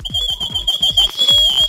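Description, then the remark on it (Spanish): A referee whistle blown in one long, shrill, continuous blast with a fluttering trill, loud, lasting the whole moment with no voices. “Y de una vez, vino en vivo, claro, a ver si trae silbato o es mentira, es verdad.”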